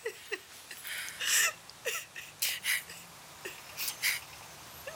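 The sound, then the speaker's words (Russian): A mother sobs, with irregular shaky gasps, hiccupping catches of breath and short high whimpers coming in uneven bursts, no words spoken. “Мам, ну ты что, хорошо, все, не плачь, а то я тоже зареву.”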